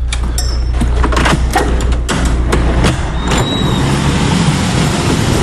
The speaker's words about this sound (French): La voiture arrive.